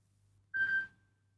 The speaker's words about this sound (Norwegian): Det ringer, hør, hvem kan det være? Nei, det var det visst ingen.